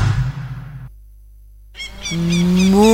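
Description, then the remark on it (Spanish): A single long, loud cow moo rises after a brief pause, following a short burst of rough, noisy sound at the start. The cow, Margarita, is presented as Uruguay's first and only influencer cow. “Muy buenos días, soy Margarita, la primera y única vaca influencer del Uruguay.”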